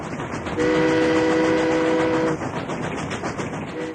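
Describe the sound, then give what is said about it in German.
A train rumbles steadily along the rails while its horn sounds one long, sustained blast of nearly two seconds, then cuts off as the rolling noise continues, fairly loud. “Es gab da eine höchst aufsehenerregende neue Erfindung namens Eisenbahn.”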